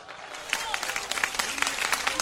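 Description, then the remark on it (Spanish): An audience applauds, a steady dense patter of many hands clapping at once, with faint murmuring voices mixed in beneath the claps. “Un aplauso no vale si usted no glorifica.”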